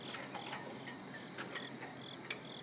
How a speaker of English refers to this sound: There's a little wind, probably getting some wind. There's a cricket in a tree, and wind blowing three flags.